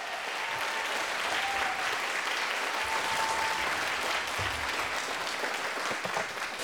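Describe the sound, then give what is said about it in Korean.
A crowd at the awards ceremony of a Korean traditional music (gugak) composition competition claps steadily as ten contestant teams are called onto the stage. It is a dense, continuous wash of applause that holds at an even loudness for the whole stretch, with no voices standing out above it. “여러분, 큰 박수로 맞아주시기 바랍니다.”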